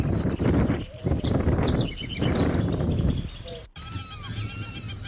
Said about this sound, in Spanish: un pájaro tan pequeño, como el caso de la ratona, de 10 centímetros, emite un fuerte y agradable canto en un sitio elevado.